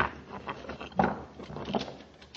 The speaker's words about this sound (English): Commander, I think he's going to open the door.